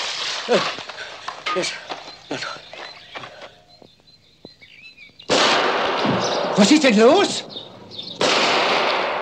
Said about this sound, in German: Sind das die Salutschüsse zur Ankunft der Majestät? Nein, Exzellenz. Die Schüsse kommen aus dem Wald, Wilderer.